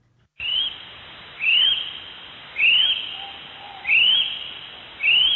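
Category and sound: bird, kiwi bird call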